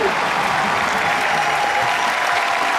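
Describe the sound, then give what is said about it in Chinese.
A large audience applauds a stage performance, clapping steadily in a dense, even wash of applause that fills the whole stretch at a constant loud level with no voices standing out. “等什么呀？ 掌声啊！”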